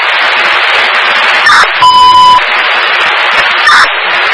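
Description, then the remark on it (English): A fire dispatch alert tone, a shift alarm for engine 4 at 121 Stoner Road, cuts through steady radio static: a half-second electronic tone burst, framed by two brief blips before and after, loud with no voices. “Shift alarm for engine 4, 121 Stoner Road”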